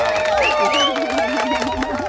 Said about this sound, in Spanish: Que como aplauso me ha quedado un poquito flojo, debo reconocer.